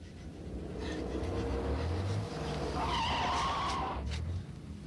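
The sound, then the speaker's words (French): A car's tyres squeal in a long, rising skid, with a steady engine roar underneath and a harsh scraping burst near the end as the motorists' car crashes into a tree. “Oh, ça, c'est un accident. Ce sont des automobilistes qui viennent de se flanquer dans un arbre.”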